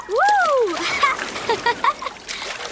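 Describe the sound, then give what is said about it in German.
Ocean waves splash and wash in a steady hissing rush, with a short swooping vocal cry at the start and scattered splashy bursts toward the end. “Achtung, da kommt die nächste Welle, Jakob. Schnell auf die Luftmatratze!”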